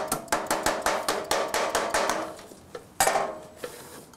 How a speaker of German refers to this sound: Wird das Blech beim Hämmern verdichtet, spricht man dabei von Bördeln. Wird es gedehnt, nennt der Spengler das Schweifen.